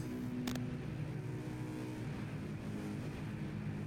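A man gets into a car and drives off; the engine rumbles steadily as the vehicle pulls away, a brief sharp knock sounding near the start. No one speaks.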